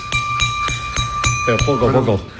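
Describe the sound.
The bell of a Málaga-style procession float (trono) is tapped in a quick, steady series of about eight light strikes, sounding faintly because it has no hammer, leaving a thin, high-pitched ring that hangs between hits, while a voice briefly talks over the end.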